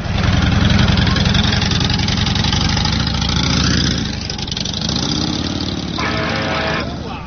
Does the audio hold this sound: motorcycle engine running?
yes